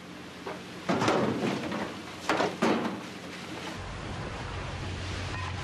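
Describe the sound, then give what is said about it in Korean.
A line hauler on a trap-fishing boat off Tongyeong winches conger eel traps aboard at night in the rain, with a few loud clattering bursts over a steady wash of wind and water, then a low mechanical drone settles in. “고요한 밤에 정막을 깨우는 건 오로지 통발을 끌어올리기 위한 양망기 소리뿐인데요.”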